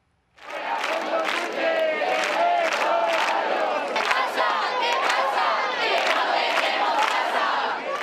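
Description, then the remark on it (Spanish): A large crowd of protesters chants in unison, loud and steady, their many voices rising and falling in a rhythmic, repeated pattern that carries on without pause from just after the start. The activists are in Puerta del Sol, Madrid, Spain, protesting the housing crisis. “Y decenas de activistas pasaron la noche en la emblemática Puerta del Sol de Madrid, protestando por la crisis de vivienda que afecta a toda España.”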